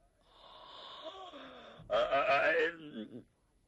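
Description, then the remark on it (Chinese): A man's voice, a storyteller, imitates a long, drawn-out yawn by the historical figure Zhang Xiluan: a breathy inhale rising into a loud, wavering vocal stretch that fades off, alone with no other talk. “张锡銮打了个哈欠，张作霖不往下谈了，一看老头恐怕有点累了”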